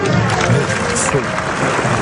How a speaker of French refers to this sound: Adresser un salut au public pour l'inviter à applaudir. Le public fait volontiers.